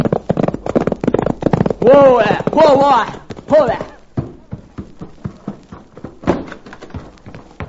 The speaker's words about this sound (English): suddenly saw something which caused him to rake his spurs over his pony's flanks and come racing home.